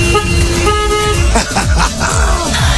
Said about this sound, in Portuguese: Toca a buzina aí, meu filho.